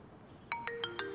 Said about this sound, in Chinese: 沈林手机响了